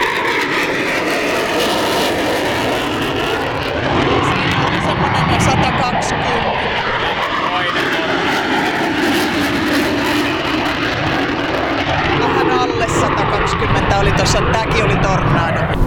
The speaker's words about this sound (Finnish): Eli ainakin saksalaiset hävittäjät, Tornado ja Eurofighter, niin semmoista 120 desibeliä melua pitävät noustessa.